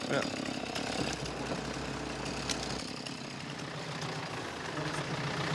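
A tractor engine runs steadily, a loud, continuous rattling drone with a deep low hum that shifts slightly partway through, the mechanical clatter never letting up.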